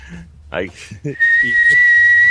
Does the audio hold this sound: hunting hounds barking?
no